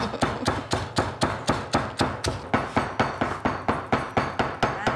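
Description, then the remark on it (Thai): A pestle pounds steadily in a mortar after about half a spoon of salt is added, about four firm, thudding strikes per second, each hit sharp and even in loudness, with no voices over the rhythm. “แล้วก็โขกกันนะคะ โขกเลยนะคะ”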